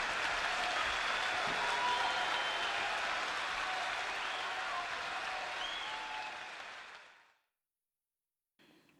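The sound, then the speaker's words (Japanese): A large crowd at a live concert applauds loudly and steadily after a song, a dense wash of clapping that holds for about seven seconds, then fades quickly into silence before a brief burst of noise at the end. “観客からは大変な拍手が送られ”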